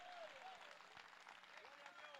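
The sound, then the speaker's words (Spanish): An audience applauds the Lord loudly and continuously, dense overlapping clapping filling the room, with raised voices calling out over the sustained applause. “Dele fuerte ese aplauso al Señor en esta hora.”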